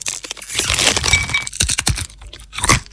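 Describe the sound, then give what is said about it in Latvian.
Loud, irregular crunching of nuts, dried fruit and snacks from Rieksti jums LV being chewed, a rapid run of crisp, crackly bursts with brief pauses between bites and no voices. “brīdinājums, šī reklāma var izraisīt vēlmi kaut ko uzkost.”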